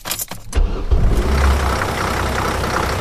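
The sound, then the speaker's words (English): A University of Alabama Crimson Ride bus engine runs with a steady, loud low rumble and a broad hiss, after a few brief clunks at the start. No one speaks. “Drivers for the Crimson Ride Bus System and Crimson Concierge serve as a kind of circulatory system”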